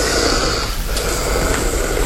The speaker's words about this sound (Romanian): Ia-te, uite ce bițel. Cum sforăie. Dita mai vițelul.